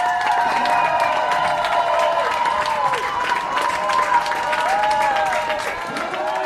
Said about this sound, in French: Des larmes de joie et d'intenses applaudissements, vous les entendez. C'est le soulagement qui a dominé l'heure du retour des militants suisses de la flottille pour Gaza.